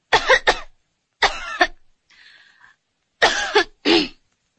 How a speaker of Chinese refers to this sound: 陛下能不能咳嗽一声？再咳一下。